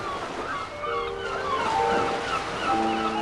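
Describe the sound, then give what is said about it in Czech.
Sea waves roll and wash steadily in a broad, continuous surge on a very quiet, clear night, heard from a ship, swelling slightly louder toward the end, with faint tonal hums running beneath the water noise. “Noc byla velmi tichá a jasná, ale moře přece dělalo vlny, že jsem měl dojem, že se musí každou chvíli přes nás převalit.”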